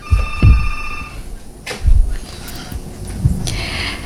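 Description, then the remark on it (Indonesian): A telephone rings for an incoming call from a caller in Kupang Regency joining a program's phone line on a Sunday morning, its electronic tone steady and fairly clear, mixed with low thumping bumps and brief bursts of noise, with no one talking. “Kita sharing tentang topik kita, dan sepertinya sudah ada yang bergabung di line telepon ya, Pro 1.”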